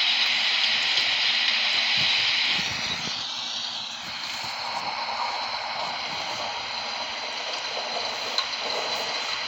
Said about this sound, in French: ben j'ai décidé de mettre un petit contexte naturel, de pluie, de tonnerre et un peu de vent.